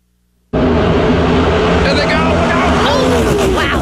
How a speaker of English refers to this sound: Yes, the cars are whizzing by.